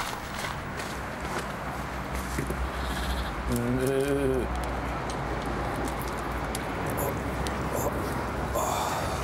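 A sheep, the second one being shorn, lets out one short, wavering bleat during shearing, heard over a steady rumbling background with scattered shuffling and clatter.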